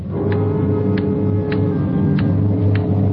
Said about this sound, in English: Loud clock, ain't it?